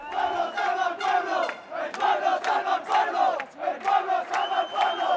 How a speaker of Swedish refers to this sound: Fascister, bort från våra gator, bort från vår stad, skanderade en grupp människor som samlades på Plaza de los Reyes, där ytterhögerpolitikern Alvise Perez hade fått tillstånd att hålla ett anförande på lördagskvällen.